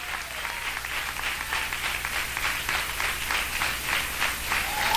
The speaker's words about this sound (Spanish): Y se da palmas a Dios, désela con todo el corazón.